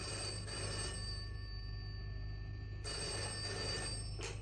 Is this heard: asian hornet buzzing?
no